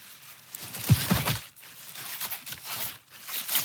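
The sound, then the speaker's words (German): A fresh head of lettuce being cut during harvest in the Efferdinger Becken gives off a series of short, crisp squeaks and crunchy tearing sounds, fairly soft and uneven in rhythm, with no one talking. It squeaks because it is still very fresh. “Macht so ein leichtes Quietschgeräusch. Das macht er, weil er noch ganz frisch ist, oder Chef?”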